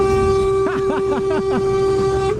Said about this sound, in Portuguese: Buzina, não, mesmo.